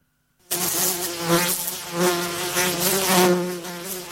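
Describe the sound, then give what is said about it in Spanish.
A mosquito's buzz starts abruptly and hums on steadily, fairly loud, with its whine rising and falling slightly for about three and a half seconds. “A este mosquito le voy a cortar el pito.”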